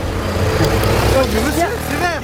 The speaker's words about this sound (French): Et voilà, regarde-moi toutes ces bagnoles qui passent au rouge là. Non mais des vrais dangers publics, je te jure.